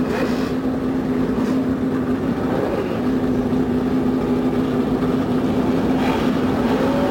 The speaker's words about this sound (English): The roar from 35 normally aspirated engines goes up along the main straightaway here at the Indianapolis Motor Speedway.